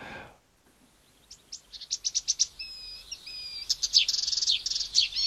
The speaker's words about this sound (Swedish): Vi tar och ser om vi kan höra lite på kärresångaren.